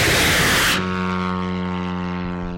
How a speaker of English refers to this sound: The soldiers rev up the engine. And then comes a flash of fire. The drone flies up into the night sky. Just number three. One after another, more drones are launched.